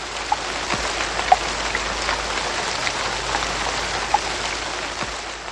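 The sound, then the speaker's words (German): Steady rain pattering down in a continuous hiss, with a few distinct drops clicking sharply on a surface. Moderately loud, with no voices. “Graue Wolken zogen auf und es regnete tagelang.”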